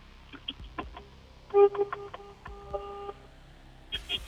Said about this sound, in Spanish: A ver, toque usted el claxon, señor. Una, dos, tres.